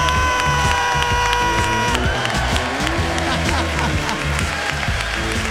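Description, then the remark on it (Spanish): A crowd breaks into loud, steady applause for guest streamer and YouTuber Emilio González Moreira, dense clapping with some cheering mixed in, following a brief sustained musical tone at the start. “Pido un fuerte aplauso para Emilio González Moreira.”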